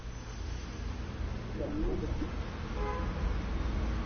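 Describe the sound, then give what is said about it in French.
A heavy wood-charcoal-fuelled truck turns in the street, rumbling steadily through traffic, its deep engine drone filling the scene, with brief tonal horn-like toots partway through. “Un autre bois charbon qui tourne dans la rue où nous nous trouvons.”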